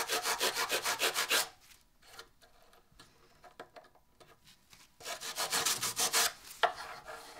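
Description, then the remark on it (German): Oil being rubbed into a wooden drawer: brisk back-and-forth rubbing strokes in two rhythmic bursts, separated by a quieter stretch of faint scuffing. “Dann kannst du den erstmal ölen, ja, und dann mache ich den anderen hier gleich fertig.”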